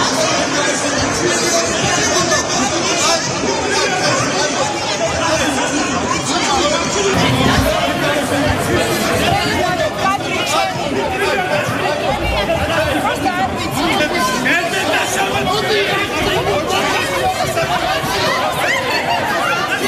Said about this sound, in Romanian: O încheierare în toată regula în Parlamentul Georgiei după ce prim-ministrul a prezentat raportul anual al guvernului